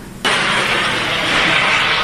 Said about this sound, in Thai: ทางเหนือเขาจะเรียกว่าบอกไฟนะครับทางไหนเขาเรียกว่าบอกไฟทางภาคอีสานจะเรียกว่าบั้งไฟลองฟังเสียงหน่อยโอ้โหเสียงอย่างเครื่องบินนะ